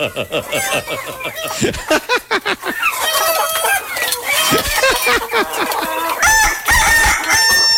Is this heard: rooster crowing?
yes